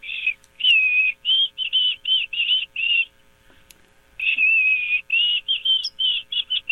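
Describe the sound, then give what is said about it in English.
A white-throated sparrow sings two clear, high whistled phrases, each a string of pure sustained notes, separated by a short pause. The song is bright, with no talking. “White-throated sparrow... You were pretty close.”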